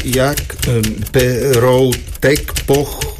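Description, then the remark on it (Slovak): Rapid typing clacks in quick, uneven bursts as a medical record is typed up, the sharp key strikes fairly loud beneath a man's voice speaking steadily throughout. “Píšte do zdravotnej karty.”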